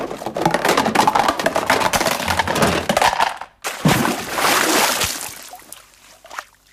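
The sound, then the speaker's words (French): Busy sloshing and splashing of river water as fists pound the water, with broad crunchy bursts that pause briefly mid-clip, then surge again before tapering off near the end. “J'en ai marre, dit Lulu en tapant les poings dans l'eau.”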